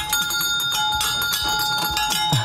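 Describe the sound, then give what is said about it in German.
An original 1950s fire engine bell on a nostalgic carousel rings loud, its clapper hammering in a rapid, continuous metallic trill that holds steady for the whole moment, with no voices. “Hier gibt's beim Nostalgiekarussell von Hans-Heinrich Diekmann mit der Original-Feuerwehr-Auto-Klingel von aus den 50er Jahren”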